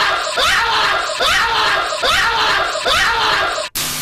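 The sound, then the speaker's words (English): A loud, shrill screaming sound effect repeats about four times in a quick, even loop, with no talking, then cuts off abruptly near the end. “Anyway, I give this one, even the OG 1974 on my scream scale, 5 out of 5 screams.”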